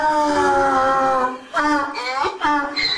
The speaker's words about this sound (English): The Egyptian revolution started on the 25th of January, but in Luxor, every day sounds like an attempted donkey revolution. We've named him Derek. He's a donkey who came in with a big mass on his eye.